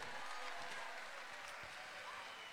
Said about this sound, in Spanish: ¡Aplauso a todas las personas mayores, pues, muchachos, con cariño! ¡Aplausos para Totoral de Tomé!